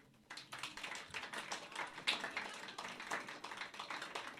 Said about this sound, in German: Ich meine, er hat sich ans Mikrofon getraut, hat sich Mühe gegeben, aber wie würde sich so ein Höflichkeitsapplaus von euch denn anhören? Lasst mal hören.